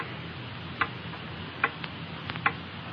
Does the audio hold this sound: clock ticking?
yes